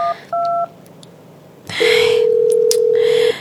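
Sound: phone call tone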